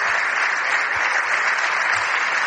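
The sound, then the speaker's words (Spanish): Steady applause from many hands in parliament, a dense crackling wash of claps that holds at an even, fairly loud level throughout without pause or swell. “La ministra aplaude, pero sin gran entusiasmo.”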